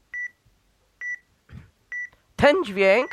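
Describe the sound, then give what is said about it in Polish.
Three short, evenly spaced electronic beeps at a steady high pitch, about one per second, from a scanning camera device warning that something (a hand) is blocking the image after the shutter button is pressed, followed by a person starting to speak. “Ten dźwięk oznacza, że coś zasłania obraz.”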